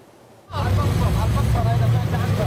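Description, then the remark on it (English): After a brief near-silence, loud, dense street traffic kicks in on the streets of Dahiyeh, the southern suburbs of Beirut, as people flee on a Monday: a steady low engine rumble, with indistinct voices mixed into the din. “Beirut streets around the southern suburbs of the capital, known as Dahiyeh, were packed with traffic on Monday as people fled the Hezbollah stronghold, following Israeli Prime Minister Benjamin Netanyahu's order.”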